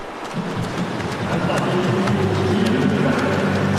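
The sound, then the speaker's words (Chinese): Swimmers kick and splash steadily through pool water during a university men's 50m backstroke final, a dense churning patter with sharp slaps here and there, while a low murmur of voices runs underneath. “我们可以听到现场的这个通气声啊，运动员啊，滑笔、打水的声音噼啪啪的，可讲竞争程度是相当的激烈。”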